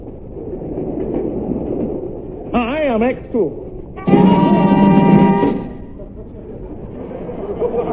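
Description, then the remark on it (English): A train bound for London rumbles steadily along the rails, a continuous low churn, broken midway by a wavering whistle and then a loud, sustained horn blast before the rolling noise carries on. “I'd hardly got on board the train for London when I had the uneasy feeling I was being watched.”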